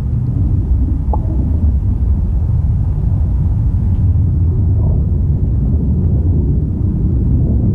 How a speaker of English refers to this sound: I want to play a sound of a storm now